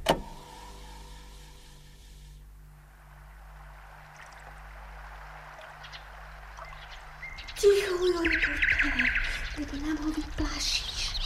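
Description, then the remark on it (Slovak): A low, steady hum fills a quiet stretch at sunset, then a nightingale's bright, warbling song bursts in near the end, trilling and chirping over soft background noise. “No, preca slábika. Nepočuješ? Nepočuješ, ako krásne spieva?”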